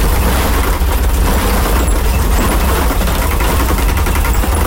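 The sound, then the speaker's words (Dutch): Steady rumbling road noise from inside a car driving over an irregular brick (klinker) road, with a low engine drone and a rough, uneven rattling texture throughout, loud and continuous with no voices. “Dit is een klinkerweg. En heel onregelmatig.”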